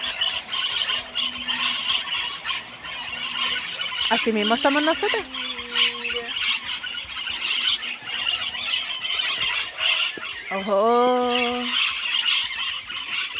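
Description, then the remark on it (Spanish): A large flock of at least about 50 parrots squawks and screeches nonstop, a dense, harsh chorus filling the whole stretch, with a couple of louder drawn-out calls and brief human exclamations mixed in. “Una bandada de loros que andan, deben andar unos 50 por lo menos.”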